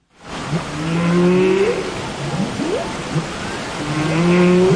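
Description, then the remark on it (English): Humpback whale calls from whales in the seas off Iceland: long, low moaning tones that bend and sweep upward, repeated in drawn-out phrases over a steady wash of ocean noise, with no talking. “we have news of an unusual musical collaboration between humans and the animal world, because a choir here in the UK has created a song featuring the sounds of humpback whales that inhabit the seas off Iceland.”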